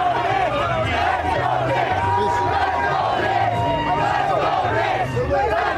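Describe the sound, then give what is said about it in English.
A dense street crowd in New York roars continuously, with many voices chanting and cheering together, including "let's go Knicks", in rising and falling waves, loud throughout. “And that's the other thing, as you walk out, you start hearing the anthems of New York.”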